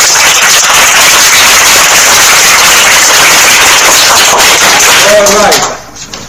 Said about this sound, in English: 9 over 7. A round of applause.